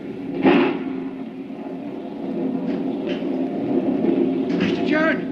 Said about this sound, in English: A real granddaddy of a lightning bolt hit the cliff just now, right beside the burying ground. It opened up a big crack in the earth, running right across her grave.